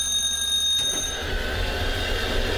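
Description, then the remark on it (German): Early in the morning, the bell of a historic traditional tram in Naumburg, Germany rings with a bright, steady metallic tone for about a second. It gives way to a low rumbling as the tram starts to roll. There is no talking. “Die wilde Zicke klingelt und setzt sich in Bewegung und ich setze mich auch hin in die wilde Zicke und die füllt sich langsam.”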